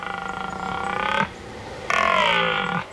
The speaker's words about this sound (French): J'y suis ! C'est le cerf Elaf. Le Cervus Elaphus en latin. Un mammifère ruminant vivant en forêt. C'est un animal nocturne et crépusculaire.